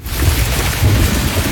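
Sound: rain with thunder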